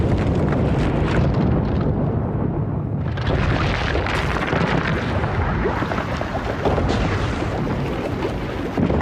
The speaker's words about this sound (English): When 2,000 degree lava meets the sea, things get explosive.